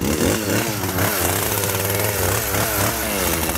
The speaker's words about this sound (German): Und weil wir mit so einem 0815 Messer da nicht durchkommen, nehmen wir klar, die Kettensäge. Ich würde sagen, starten wir. Starten wir mal.